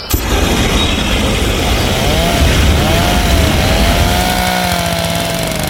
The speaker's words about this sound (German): überall schrebbeln Hochdruckreiniger und Rasenmäher in den Gärten.